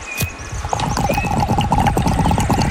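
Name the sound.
horse neighing and hooves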